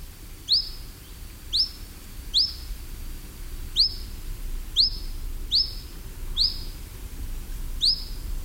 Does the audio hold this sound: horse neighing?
no